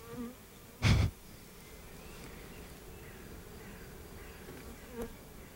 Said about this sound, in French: Vous étiez au cœur d'une ruche